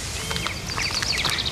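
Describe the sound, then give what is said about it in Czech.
Birds sing in quick, high chirps and short trilling sweeps that overlap steadily over a soft, constant background hiss, growing busier toward the end. “Příroda zpívá.”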